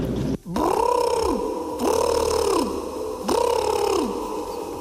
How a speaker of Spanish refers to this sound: El animal parece un pavo real. ¿Puede ser un pavo? ¿Y el sonido podría ser un pavo real?